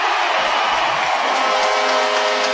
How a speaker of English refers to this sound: Good crowd here at the Coliseum cheering on the Comets, hoping to keep on cheering as we got a verdict. It's a goal.